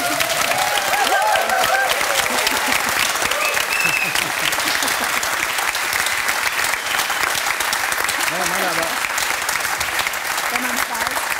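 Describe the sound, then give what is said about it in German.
A large audience claps steadily and enthusiastically, a dense, continuous wash of applause that stays loud from start to finish, with a few faint voices and cheers mixed in. “Ich will auch rauskommen und alle klatschen und lieben mich.”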